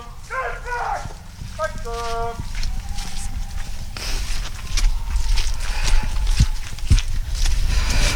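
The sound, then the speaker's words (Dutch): Horses' hooves clomp and knock irregularly as the horses are loaded back into trailers among the stables where a hunt began, a few sharp thuds standing out over steady outdoor background noise, with muffled voices and tonal calls early on. “We zien dat er paarden weer in de wagens worden geladen.”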